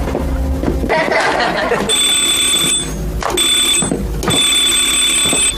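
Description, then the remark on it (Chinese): A telephone rings late at night in loud, repeated electronic trills, three bursts with short gaps, over a busy background of low noise and indistinct sound. “我来接。”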